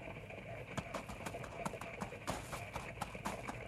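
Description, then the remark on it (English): Steady clip-clopping of a packed mule's hooves, a regular run of sharp knocks at a walking pace over a low rumbling outdoor background, as the mule sets off to join a wagon caravan. “After all, I never packed a mule before.”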